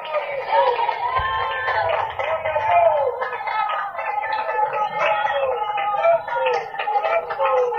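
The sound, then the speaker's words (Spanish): An audience cheers and shouts together for several seconds, giving applause to the Lord, many overlapping voices forming a loud, steady roar with applause mixed into the din. “¡Otro aplauso a nuestro Señor!”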